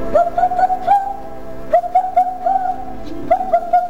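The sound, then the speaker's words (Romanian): A bird perched on a branch calls in three short bursts of quick, warbling notes that rise and fall in pitch, clear, with brief pauses between phrases and no other sounds. “Prefăcută în pasăre, baba a început să zboare, să zboare, să zboare, până ajunse în fața casei.”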